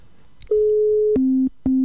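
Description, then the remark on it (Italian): A telephone busy signal on an attempted video call: a steady electronic tone, then two shorter beeps at a lower pitch, each cutting off sharply, loud and clear with no voices. “No, da occupato, e questo è molto strano.”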